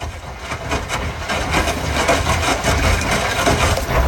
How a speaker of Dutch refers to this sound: Dat is de wasmachine die al lekker vroeg staat te draaien. Oeh, die zegt zo. Dat klinkt als een rammelbak,